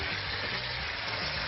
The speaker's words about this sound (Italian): e faccio rosolare un po', insieme anche un po' di rosmarino.